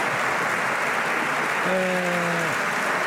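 Sustained applause from a parliamentary bench standing to applaud José Luís Carneiro after his microphone was cut off, a dense, steady wash of clapping throughout, with a brief held tonal call rising above it midway before fading.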